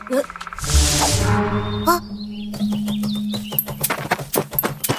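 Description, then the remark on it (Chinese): A woodpecker drums on a tree in rapid bursts of sharp taps during the second half, after a stretch of chirpy, tonal calls and a brief whooshing sound. “是啄木鸟。”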